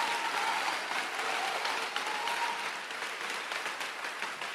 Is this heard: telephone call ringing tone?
no